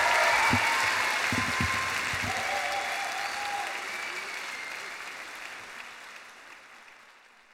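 Enthusiastic applause from the audience after a song at a live performance, a dense wash of many hands clapping that starts strong and gradually fades over several seconds, with a few brief vocal sounds early on.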